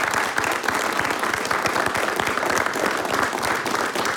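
A large audience applauds a Slovenian polka and waltz group marking 30 years and over 100 of its own songs: a dense wash of many hands clapping at an even, loud level throughout with no voices rising above it.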